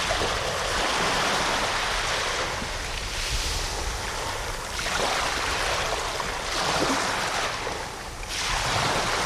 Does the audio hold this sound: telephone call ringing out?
no